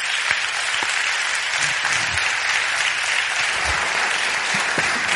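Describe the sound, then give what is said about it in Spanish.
Steady audience applause fills the whole stretch, a dense, even wash of many hands clapping at once with no pauses and no voices breaking through. “Un abrazo, y este aplauso Javier, que te mandamos desde aquí.”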